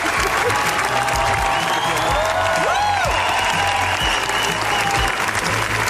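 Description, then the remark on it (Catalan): Sustained, loud applause from a large crowd at the Cannes film festival, a minutes-long ovation for the film La Bola Negra by Los Javis, dense and continuous clapping that fills the whole stretch, with faint whistles and cheers rising briefly from within the ovation. “Minuts ha durat els aplaudiments de la Bola Negra, que s'ha convertit en una de les grans candidates a la Palma d'Or.”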